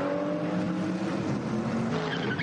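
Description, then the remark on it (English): A race car's tires give a short squealing chirp as it pulls away from a pit stop in the early morning in the Eifel, over a loud, steady engine roar that fills the whole moment. “Oh, the little squeal. As they're not spinning chirp.”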